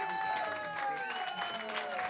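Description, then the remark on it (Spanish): A concert audience applauds steadily for percussionist Rogério Boccato as he is introduced, a dense patter of many hands clapping at once, while sustained musical tones hum faintly underneath. “Que se escuchen los aplausos.”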